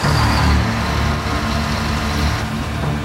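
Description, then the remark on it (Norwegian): A fire department ladder truck's engine idles while the truck is used to lift a listing ship at a quay: a steady low diesel rumble with a faint higher whine, running continuously without pause and with no voices. “en frivillig fra et bergingsselskap må løfte sine skipet med brandvesenet sin stigebil.”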